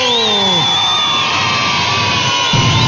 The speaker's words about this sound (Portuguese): Palmas pra todo mundo.